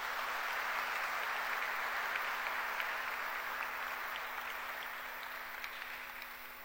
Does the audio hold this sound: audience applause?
yes